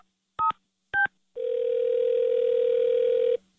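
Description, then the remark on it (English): Two short telephone keypad beeps are followed by a long, steady electronic phone tone lasting about two seconds, clear, with no voices; a phone call being placed as another K-Win Carmen Frank call. “Don't answer the phone. It's another K-Win Carmen Frank call.”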